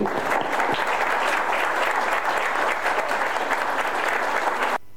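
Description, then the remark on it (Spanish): Sustained applause from an audience at a school event, dedicated to the families and the whole community, dense clapping at a steady level for several seconds before cutting off abruptly near the end. “Así que este aplauso es para ustedes.”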